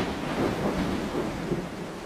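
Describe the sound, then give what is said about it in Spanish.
A steady wash of heavy rain with a deep, continuous rumble of thunder rolling underneath, fairly loud, with no voices; a strong thunderstorm at night. “Durante una noche hubo una fuerte tormenta.”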